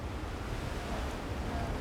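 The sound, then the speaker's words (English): A steady, rushing roar of sea surf crashing below a cliff wall, heard from above while climbing, deep and continuous without distinct breaks, with a faint windy hiss over it and no voices. “When you're on the wall with the sea crashing below you, it sounds like it's breathing.”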